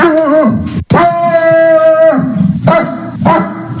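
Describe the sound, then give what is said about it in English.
A person loudly imitates the dog Friendly, giving a few drawn-out, whiny woofs in quick succession, with no other sounds around them. “And that first, the woof, woof, woof at the beginning is Friendly.”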